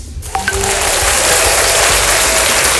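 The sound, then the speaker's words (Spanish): A burst of canned applause swells in after a brief quiet start, a dense steady wash of many hands clapping with a few whistles, loud and sustained without any talking. “Entonces, espera, yo misma le voy a poner un aplauso a DJ Jonathan.”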